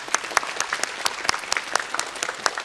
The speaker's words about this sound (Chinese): 好的，谢谢大家的参与。那么在节目的最后呢，让我们再一次把热烈的掌声送给